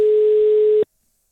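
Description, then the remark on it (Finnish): A single steady telephone ringing tone from an outgoing call to a listener, a loud, even electronic hum that holds for under a second and then cuts off into silence. No voices. “mä esimerkiksi soitin tänään tuossa aiemmin ja tältä kuulosti se.”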